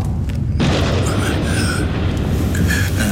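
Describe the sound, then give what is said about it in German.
A loud thunder clap breaks in with a sudden crack, then a deep, heavy rumble rolls on steadily for several seconds, with faint voices briefly audible beneath it. “Fürchtet ihr euch vor Gewittern?”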